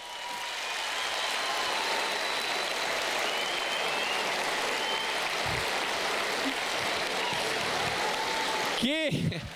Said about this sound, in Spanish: El show, el público manda, así que pido un fuerte aplauso para mi amigo el señor Pablo Aymar. Gracias por venir, Pablito querido.